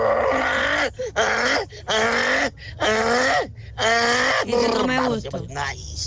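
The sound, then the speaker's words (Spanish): A person imitates a male donkey braying in search of a female, voicing a series of loud, strained hee-haw cries, about six long rising and falling blasts with sharp inhaled gasps between them. “Ay, mi talento oculto es hacer como burro cuando estás buscando la burra.”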